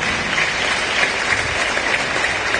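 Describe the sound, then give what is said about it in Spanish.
Steady, loud applause from a crowd, a dense wash of clapping that holds at an even level throughout with no voices standing out. “bueno, fuerte aplauso a Ashkabaye con radios oyentes.”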